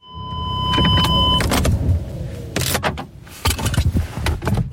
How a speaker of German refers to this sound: Über der Lindebene hängen noch tiefe Wolken und es regnet leicht bei knapp 12 Grad, wo ich mit dem Auto auf dem Flugplatz Schönis ankomme.